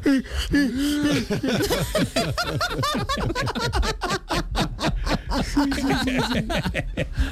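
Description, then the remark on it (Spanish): A voice mimics an old person's exaggerated, drawn-out yawn with a wheezy intake and long voiced groan, surrounded by bursts of lively laughter. “¿Por qué ustedes, los viejitos, tienen que coger tanto impulso para bostezar, hombre?”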